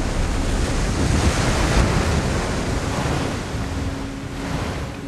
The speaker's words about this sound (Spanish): Temístocles se aleja de Calisto. Su barco surca las olas.